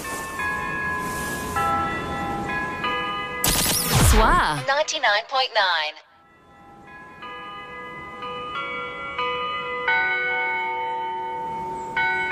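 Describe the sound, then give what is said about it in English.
A church bell rings continuously one morning, calling people to church, having rung for ten minutes, its rich overtones sustaining and overlapping. Partway through, a brief loud burst and a warbling swirl interrupt the ringing before it resumes. “That there bell's been ringing these 10 minutes.”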